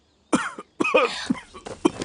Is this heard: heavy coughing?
yes